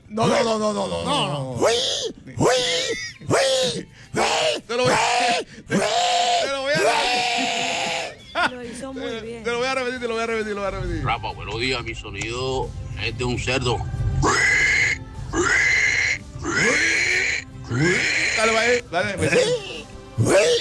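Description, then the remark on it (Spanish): A man's voice imitates a pig at a listener's request on the Tropicana radio show in Barranquilla, with a series of strained, loud grunts, squeals and groans, with laughter and other voices mixed in around the impressions. “Los oyentes comienzan, mandan el animal y lo intentaremos imitar.”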